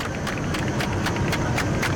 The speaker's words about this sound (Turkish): Ve o coşku da şu an alkışlara dönüşüyor.